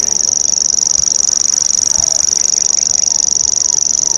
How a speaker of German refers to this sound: Dieses Geräusch hier prägte die ersten Stunden unserer Wanderschaft, denn der Feldschwirl, Nomen est omen, das schwirrt wirklich so vor sich hin, gehört zu einer kleinen Familie äußerlich recht unscheinbarer Vögel